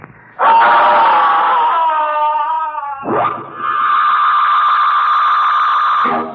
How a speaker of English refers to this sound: Soon the music will stop and … will scream. Listen, Gabby.